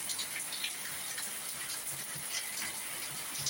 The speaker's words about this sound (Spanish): Qué bonito, está lloviendo fuerte. Está lloviendo fuerte, nos manda el reporte nuestro hermano y nos manda el video, mire, qué bendición.